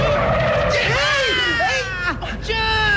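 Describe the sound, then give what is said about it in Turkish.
A bus skids to a stop, nearly running over a child crossing the street, its tires letting out a loud, wavering squeal for a couple of seconds over a steady heavy rumble of engine and road noise. “Kolundan tutup çekmeseydim az da otobüsün altında kalacaktın.”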